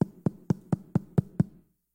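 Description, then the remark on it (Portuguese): A captain knocks on a wooden door seven times, evenly spaced and fairly loud with a hollow thud, in a steady quick rhythm before silence. “Olha o que vai acontecer quando o capitão bate na porta de Eliseu.”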